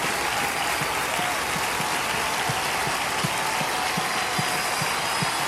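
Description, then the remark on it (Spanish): A crowd claps loudly and continuously in applause for the Lord, a dense wash of hands with no pause, steady in volume throughout, with no one speaking over it. “Vamos a darle ese aplauso fuerte al Señor y dile, Señor, gracias.”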